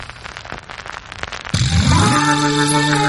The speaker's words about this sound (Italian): Grazie, soprattutto un ultimo applauso per Faso.